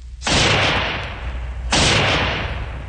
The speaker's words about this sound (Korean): 모태똥이 한창 걷고 있는데 갑자기 건너편 숲속에서 귀청을 찢는 총소리가 울리었다.